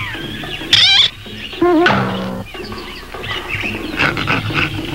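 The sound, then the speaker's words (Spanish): A man in a gorilla suit growls and roars in several loud bursts, snarling rumbles between sharp bellows, with rustling movement underneath and no clear talk. “Ven acaso, gran mono. Ya sé quién tú eres.”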